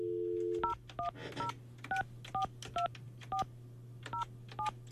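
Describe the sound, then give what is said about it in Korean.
A brief dial tone gives way to a quick run of about eleven telephone keypad beeps as the Far East Broadcasting (극동방송) radio station redials a listener, evenly spaced and clear, over a low steady hum with no one speaking. “전화 다시 한번 네, 다시 해볼게요.”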